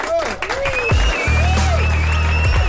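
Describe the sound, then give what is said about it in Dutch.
Loud audience applause and cheering for an artist about to perform live, mixed with sliding whistle-like tones and a steady low buzzing drone that enters partway through, all lasting a few seconds without a break. “Laten we hem vibes applaus geven.”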